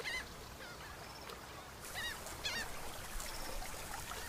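A breeding colony of Audouin's gulls, a Mediterranean seabird, calls where salt water mingles with sand, over a steady wash of noise, with several short, harsh, nasal cries rising out of the background at irregular moments.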